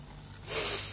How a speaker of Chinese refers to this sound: 哎呀，冲翻杯热咖啡饮下先。讲到呢杯猫屎咖啡咁正系嘛，睇下系咪真系咧香过猫屎先。